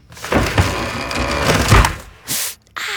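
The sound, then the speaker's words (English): In a California Closets advertisement, wooden drawers rattle and slam shut as a woman gets dressed for an early meeting while her husband is still asleep: a loud, clattering sequence with two heavy thuds, followed by a couple of short, hissy bursts of noise. “And now, the California Closets version of that moment, featuring custom soft close drawers.”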